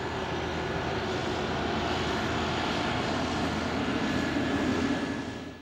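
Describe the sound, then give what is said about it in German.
A loud roar of airplane engines set to takeoff power as the plane accelerates for takeoff, a dense continuous rumble that swells slightly near the end before tapering off, with no voices. “Das war eben ein Flugzeugstart, wie Sie ihn schon in der 3.”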